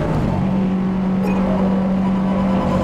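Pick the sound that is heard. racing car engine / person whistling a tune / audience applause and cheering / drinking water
racing car engine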